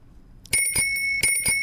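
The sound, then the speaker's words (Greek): A small hand bell rings in a few quick, bright strikes with a sustained metallic shimmer hanging between them, loud, with no voices. “Λοιπόν, ακούτε το ειδικό καμπανίδιο.”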